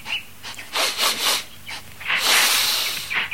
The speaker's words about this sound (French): dis-moi, qu'est-ce que tu renifles là? C'est bizarre. J'ai jamais senti une pareille odeur. Laisse-moi voir.